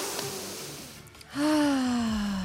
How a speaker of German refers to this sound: Tut gut, Leute, tut gut. Jetzt atmen wir mal ihr auch bitte ein.